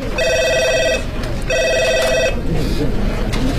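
A telephone rings in two bright, trilling bursts with a short pause between them, clear, over a steady background hum and faint murmur, as a phone call is placed.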